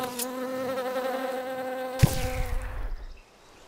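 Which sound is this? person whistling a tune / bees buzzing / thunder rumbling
bees buzzing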